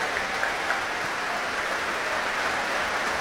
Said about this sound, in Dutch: Want dit publiek wil graag laten weten dat ze hebben genoten. Groot applaus nu voor Alexei Ogrinchuk, de solo-oboist.